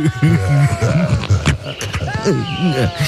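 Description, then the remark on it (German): A voice imitates a bear smacking while eating, with growly, wavering grunts broken by a few sharp wet clicks and slurps, fairly loud for about three seconds. “Und sowas geht ja nun mal nicht ohne Schmatterei, ne?”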